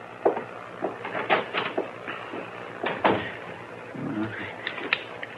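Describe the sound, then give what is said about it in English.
A door is opened and shut, with a series of sharp wooden knocks and latch clicks, a brief creak, then a final clack. No one speaks. “It's right through that door there.”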